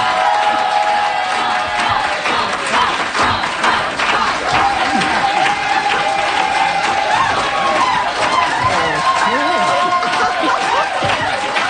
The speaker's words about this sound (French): Oui, oui, on peut applaudir. Oui, oui, on est présent. On applaudit.